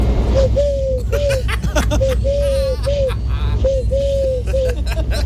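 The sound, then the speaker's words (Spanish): A person showing off a hidden talent to a Canal Sur TV crew imitates a turtle dove, cooing in soft, rhythmic phrases of low, rounded notes, repeated several times over a noisy background of crowd chatter. “Mira, hago la tórtola súper bien, mira.”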